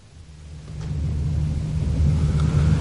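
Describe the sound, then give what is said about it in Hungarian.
A deep, steady drone of trucks heading to the front line rumbles low and continuous, growing slightly louder over a few seconds, with no voices present. “Ezek a teherautók úgy zúgnak, mint a darazsak.”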